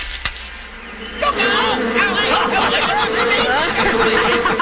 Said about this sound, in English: Oh, the wasps are turning. We best beat a hasty retreat or we'll end up a fool for the wasps ourselves.